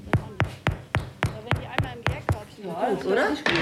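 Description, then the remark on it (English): Knuckles rap on crusty loaves baked in an oven, testing whether the bread is done, about nine quick hollow knocks in a steady rhythm, distinct, followed by a person starting to talk. “tests them with a knock of her knuckles”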